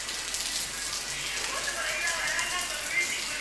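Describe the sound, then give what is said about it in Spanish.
A sudden downpour of rain pours down in a dense, steady hiss that stays constant throughout, with faint voices barely audible beneath the wash of falling water. “Se vino el agua, se vino el agua.”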